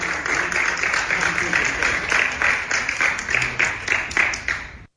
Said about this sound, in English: So there you have it, the gallery applauding.